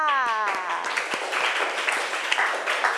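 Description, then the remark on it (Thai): A class breaks into steady group clapping, a dense patter of many hands that keeps going for a few seconds after a brief spoken voice at the start, as a teacher asks the class to applaud a group's correct answer, the sitting pose. “ท่านั่งถูกต้องปรบมือค่ะ”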